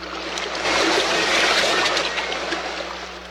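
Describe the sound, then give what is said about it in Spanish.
A rough sea of huge waves crashes against rocks, roaring continuously, a dense wash of waves breaking and churning with spray, swelling louder in the middle before easing slightly. No voices. “El mar está embravecido. Mira qué inmensas son sus olas. Se estrellan contra las rocas.”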